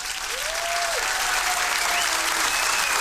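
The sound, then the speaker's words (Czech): Sustained applause from a crowd for the weekly competition winner, a dense steady wash of clapping at even loudness throughout, with a faint tonal whine gliding underneath and no clear speech. “Tak potlesk pro našeho výherce týdenního.”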